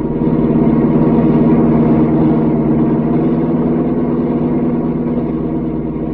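A car engine runs steadily with a low, continuous rumble and hum, loud throughout, as the car races down the mountains, with no voices.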